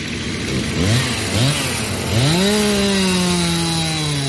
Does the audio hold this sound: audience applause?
no